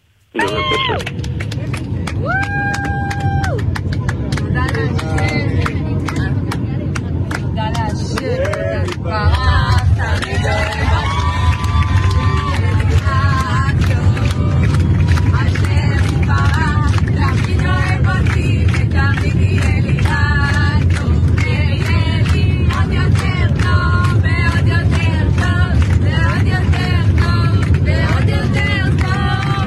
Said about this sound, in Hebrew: קיבלנו הקלטה מתוך המטוס של מחיאות הכפיים שהם נחתו, חייבים להשמיע את זה, בוא תשמע ביחד.